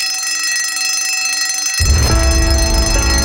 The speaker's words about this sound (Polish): Dzwonek już dzwoni